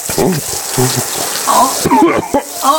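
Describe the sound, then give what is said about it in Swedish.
Water pours steadily in a continuous splashing hiss onto a towel held over a man's mouth and nose in a torture test, while muffled voices and breathy sounds break through underneath. “Han verkar vilja dra sig ur, han tar bort handduken. Nej, mer vatten, mer vatten.”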